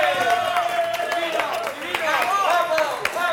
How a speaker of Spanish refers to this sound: ¡Un aplauso!